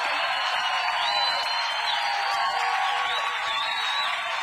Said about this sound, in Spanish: ríndale ese aplauso más fuerte a Jesucristo el Salvador.